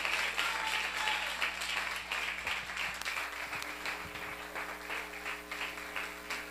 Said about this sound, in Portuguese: Glória a Deus, vamos aplaudir bem forte a Jesus.